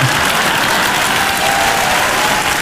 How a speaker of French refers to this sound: Attends, parce que les gens m'applaudissent.